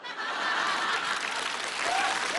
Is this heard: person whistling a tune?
no